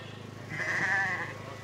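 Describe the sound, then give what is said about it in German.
A single sheep bleats once before being sheared, a wavering, nasal cry lasting under a second, rising out of a low steady background hum. “Jetzt fehlt nur noch ein Schaf.”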